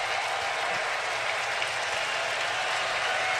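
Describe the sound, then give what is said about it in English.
A baseball stadium crowd in Atlanta, on its feet, cheers and applauds after a 2-2 count pitch in a dense, steady roar of clapping and shouting that holds at an even, loud level for the full few seconds, with no voice speaking over it. “So the crowd on their feet again in Atlanta.”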